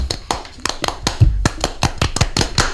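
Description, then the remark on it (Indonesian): An Indonesian Pramuka scout clapping chant (Tepuk Pramuka): about a dozen sharp hand claps in a patterned rhythm, some spaced evenly and some in quick pairs, crisp and moderately loud with no talking. “Pramuka Indonesia Long the way. Tepuk Pramuka.”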